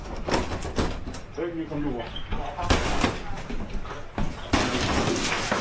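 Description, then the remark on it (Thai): Police kick open a bathroom door during a raid with a couple of heavy, booming thuds, amid tense voices talking and shouting over a noisy, crowded background. “เดี๋ยวไอ้นี่พังเข้าไปเลย ไอ้นี่ถีบเข้าไปห้องน้ำเทียห้องน้ำเทียห้องน้ำเทีย ล็อกนอกล็อกนอกล็อกนอกล็อกนอกประตูมันแบบเปิดเข้าหาตัว”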